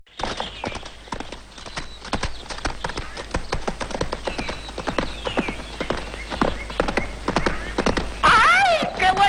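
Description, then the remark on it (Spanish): Hooves of a horse being ridden clip-clop in a steady rhythm throughout, with a horse's whinny rising near the end. “Es que no me imaginaba que montaras también a caballo.”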